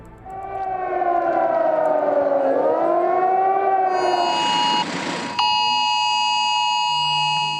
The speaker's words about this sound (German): Dieses schrille Geräusch hat viele von uns auf dem Handy erreicht an diesem Donnerstag, dem nationalen Warntag. Probealarm. Damit wollten die Behörden in Deutschland testen, ob sie uns im Notfall schnell genug warnen können.